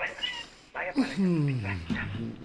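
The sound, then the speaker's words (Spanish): A cat named Diego meows: a short call followed by a long, drawn-out meow that slides downward in pitch, fairly clear and loud. “Todavía vive el gato, el Diego.”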